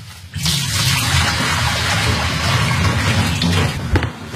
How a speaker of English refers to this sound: And then remove the tap handle, take off the top, and pour all the sterilising liquid out.